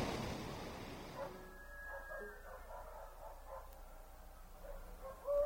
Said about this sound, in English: Huh? What was that? What's that noise? Those are chickens. Roosters. And dogs. And something else.